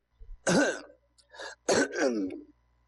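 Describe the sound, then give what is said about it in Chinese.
A man's voice gruffly clears his throat and coughs in two harsh, rasping bursts with a short pause between, fairly loud, acted out as an old man's cough. “老头咳嗽一声”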